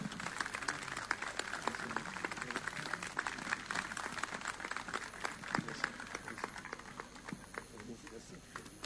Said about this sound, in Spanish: fuerte ese aplauso, muchísimas gracias. Muchísimas gracias.